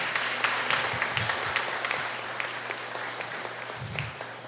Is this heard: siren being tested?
no